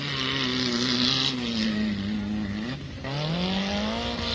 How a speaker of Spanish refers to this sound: Y ahí acelera, pelea con el camino. Hablamos de la máquina que corresponde justamente a Maximiliano Arnaiz.